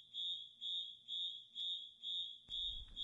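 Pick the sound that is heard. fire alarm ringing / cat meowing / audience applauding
fire alarm ringing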